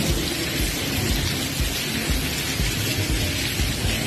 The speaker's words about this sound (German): Das ist innen, ja? Das ist der Wasserfallregen innen im Gebäude. So, und diesen Sound, also den möchtest du beim Studieren ja vielleicht nicht hören, ne?